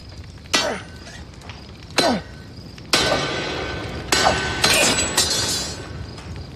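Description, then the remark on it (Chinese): A sledgehammer swung at a smithy with bellows strikes an iron blade several times at uneven intervals, each blow sharp and loud with a brief metallic ring, and a rough clattering noise continues between the later hits. “砸呀，抡呀！ 你没看见不都坏了吗？”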